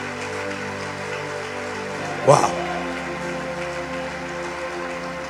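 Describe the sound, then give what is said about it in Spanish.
An audience claps steadily, a dense crackling patter that holds at an even level throughout, while a single voice exclaims briefly partway through. “Aplauda a Dios.”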